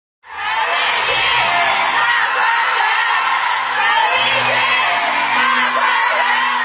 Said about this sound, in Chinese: 当粤剧《我的大观园》演出落幕，观众持续鼓掌，呼唤演员姓名的声音响彻剧场，陈丽君多次返场致意。